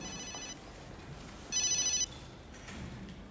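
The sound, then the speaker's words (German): A mobile phone rings in short electronic bursts, one tone sequence near the start and a louder one midway, over a low background hum with no one speaking. “Wollen Sie nicht an Ihr Handy gehen?”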